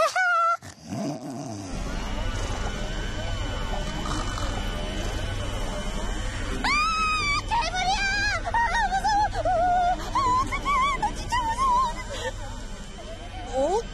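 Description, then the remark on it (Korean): A washing machine and vacuum cleaner running in an upstairs home, heard muffled through the floor into the home below, droning steadily as a low continuous rumble, joined midway by warbling, growl-like tones that make the echoing hum sound almost like a monster. “우리 집에서 나는 세탁기와 청소기 소리예요.”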